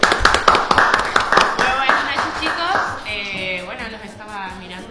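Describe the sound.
A burst of rhythmic clapping, loud and quick, fading after a few seconds as excited voices and cheers take over.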